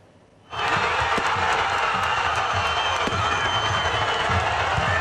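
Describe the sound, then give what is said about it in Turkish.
After a brief quiet start, a large crowd of football fans in Diyarbakır, Turkey, celebrating their club's promotion to the Süper Lig erupts into loud, sustained cheering and shouting, a dense steady roar with scattered claps and whistles that holds for several seconds. “Ahmet sportif faaliyetlerin Süper Lig'e çıkması Diyarbakır'da coşkuyla kutlandı.”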